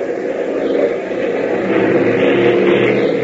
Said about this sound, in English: But even as Tank confides his fear to Gale, the engine of the primary trainer roars into action out on the runway, and Hop sends the small ship rocketing into the air.